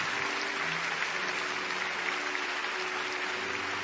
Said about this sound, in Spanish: Y le damos aplausos a Dios. Amén.